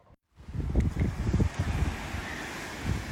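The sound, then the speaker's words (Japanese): Waves wash steadily onto the shoreline at the water's edge of a beach with a broad, rushing roar, heavy low rumbling sea wind buffeting the microphone throughout; no voices, just continuous surf and gusts. “もうほとんど波打ち際ですね。はい、聞こえます？波の音。”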